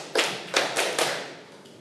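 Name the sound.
hands clapping five times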